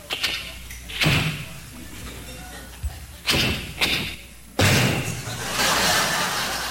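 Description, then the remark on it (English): A car door clicks open in a driveway, followed by several sharp, loud slams and thuds, with rustling and handling noise between impacts. “Then they open the door real carefully.”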